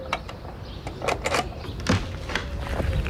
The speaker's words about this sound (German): Oh, warte, ja, ich schließe die Tür wieder auf.